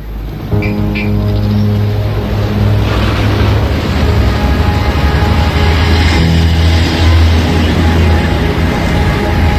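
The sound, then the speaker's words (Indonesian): About ten heavy logging trucks loaded with large timber rumble past as they leave Nambolon village in Central Tapanuli Regency, North Sumatra, Indonesia. Their deep diesel engines drone loudly and continuously with a slight surge partway through, and there are no voices. “Loh, mengapa banyak sekali truk berisi kayu besar keluar dari desa Nambolon ini?”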